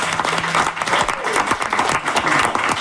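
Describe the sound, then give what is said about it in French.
Steady applause from an audience for a radio programme's production team, many hands clapping densely and evenly for a few seconds, fairly loud, with no talking over it. “Oui, on va les applaudir.”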